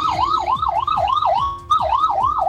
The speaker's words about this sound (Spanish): Hago un silencio porque está pasando personal de bomberos a alta velocidad, llegando recién al lugar, dada la dificultad de tránsito, de desplazamiento que han tenido en toda esta jornada.